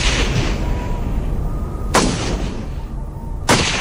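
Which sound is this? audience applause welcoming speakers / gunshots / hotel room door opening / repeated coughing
gunshots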